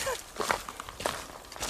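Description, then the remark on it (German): A person walks down into the Wolfsschlucht gorge, footsteps at a steady pace, each step a soft crunch, about four or five steps in under two seconds with a faint airy hiss behind them. “Außer meine Schritte, die hört man.”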